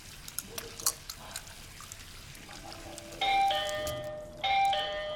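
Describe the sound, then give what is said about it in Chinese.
A doorbell chimes twice in two loud, ringing tones that each sustain for about a second, after a stretch of faint clicks and a soft low hum in otherwise quiet surroundings. “回去开门啊！”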